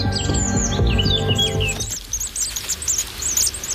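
Repeated loud, agitated alarm calls from a pair of great tits protesting at a great spotted woodpecker raiding their nest, sharp chirps in rapid bursts; low music-like tones underlie the first half before the calls continue over a quieter background.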